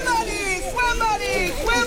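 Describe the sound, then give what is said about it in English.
Dozens of children shout and squeal while playing in the Weston YMCA's outdoor pool in Broward County, South Florida, on a sweltering first day of summer. Their overlapping high voices fill the air above a steady wash of splashing water. “Dozens of kids are ringing in the season with a splash at the Weston YMCA's outdoor pool.”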